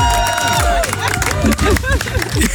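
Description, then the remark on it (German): A group of about 20 to 30 people at a barbecue at the Kaiserstuhl in the evening sun bursts into loud cheering and clapping for the grill master, with many voices whooping and calling out over the applause throughout. “Da dürfen wir einmal hier großen Applaus geben.”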